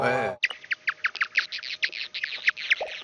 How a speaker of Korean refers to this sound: 그래서 중간쯤 보면은 이 박쥐 소리 사이사이에 뭐가 하얀색이 뿌옇게 많이 있죠. 네네네. 나방 소리예요. 네. 예. 그래가지고 이 나방이 그 박쥐의 공격으로부터 피할 수가 있고요.